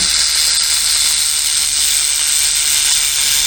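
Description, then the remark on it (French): A rattlesnake's tail rattle, an organ of interlocking keratinized segments, a loud, steady, high-pitched dry buzz that holds without a break for the whole few seconds, with no voices over it. “Les serpents à sonnette n'ont pas à proprement parler de grelot au bout de la queue.”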